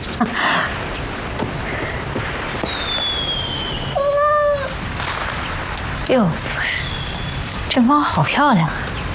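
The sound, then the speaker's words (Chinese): A pet cat named He Zi (何姿) meows several times, short drawn-out cries with a couple closer together near the end, over a steady hiss of background noise like rain. “哟，这猫好漂亮啊！”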